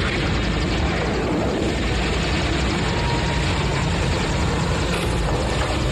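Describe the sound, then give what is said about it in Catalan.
Loud, continuous rotor noise of several helicopters dominates throughout, a dense rapid chopping roar filling the whole clip, with no voices. “En una d'aquestes curses de motos, topen amb el nen d'aspecte estrany i aleshores, del no-res, apareixen uns helicòpters.”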